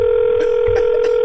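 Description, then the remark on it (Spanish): A steady electronic telephone ringing tone hums continuously as a woman calls her husband, loud, with a few faint clicks and rustles underneath and no talking. “Ahora ella va a llamar al marido de ella.”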